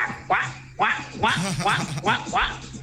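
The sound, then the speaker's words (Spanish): A person imitates a duck with about five or six nasal, rhythmic quacks in quick succession, fairly loud, with a faint steady hum underneath. “Y después dijo, me falta el pato.”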